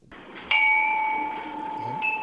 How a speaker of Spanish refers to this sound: Ahora ha sonado, nos hemos puesto zen. ¿Sí? Oh... ¿Qué campanas suenan?